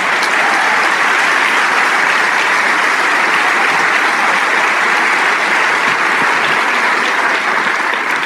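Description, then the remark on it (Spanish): Sustained audience applause for the King of Kings, a dense, steady wash of many hands clapping at a loud, even level for the full stretch, with no voices standing out above it. “Sí, ese aplauso es para el Rey de Reyes.”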